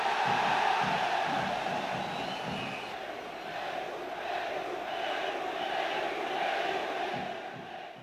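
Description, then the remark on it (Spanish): A large crowd chants and shouts in unison, a loud, steady roar of many voices with a rhythmic pulse, calling out "Peru" in support of Peru during the Falklands (Malvinas) conflict, sustained for several seconds. “Perú, efectivamente, gritaban porque Perú envió un destacamento de su aviación que apoyó a Argentina en el conflicto.”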